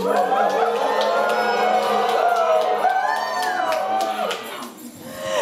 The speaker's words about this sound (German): Hier wurde nur geklatscht, kann man auch mal. Übersteuertes Klatschen, ekstatisch, sehr gut.